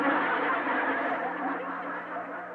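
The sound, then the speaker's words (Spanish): A horn (bocina) played as a musical instrument, sounding the note A, blares in one continuous, steady honk for the whole clip, loud and buzzy, tapering slightly toward the end, with no voices. “Estoy tocando la. ¿La menor o la mayor? La bocina.”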